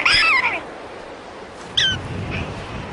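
A prairie dog gives a shrill, chirping call meaning it is time to come out, sweeping downward in pitch, followed a moment later by a second short, high yip, over a faint background hiss.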